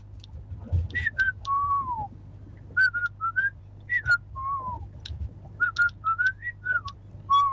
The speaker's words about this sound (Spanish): Allá están chiflando.